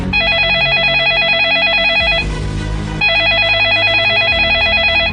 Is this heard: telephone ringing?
yes